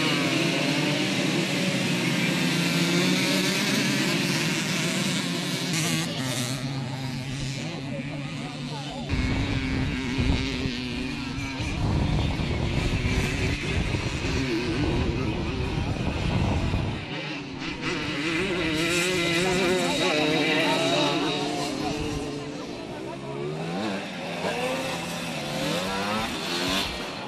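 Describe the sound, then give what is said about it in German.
Small Simson two-stroke moped engines buzz and rev continuously as they race on a stubble field in the Erzgebirge, several high-pitched motors whining and rising and falling together, with a rough low rumble in the middle stretch. “Die Simson-Klasse brachte die bekannten Zweitakter auf das Stoppelfeld, was nicht nur für den typischen Sound, sondern auch bei vielen Zuschauern für Erinnerungen an vergangene Zeit sorgte.”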